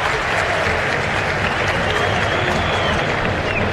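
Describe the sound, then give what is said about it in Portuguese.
A large football stadium crowd applauds as Neymar, wearing number 10, leaves the field in a substitution for Robinho Júnior. The clapping and murmuring voices form a steady, dense wash that holds at an even, fairly loud level throughout. “O estádio aplaude.”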